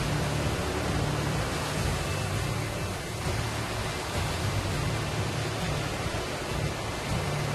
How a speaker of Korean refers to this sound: 파도가 사정없이 그의 몸을 덮칩니다.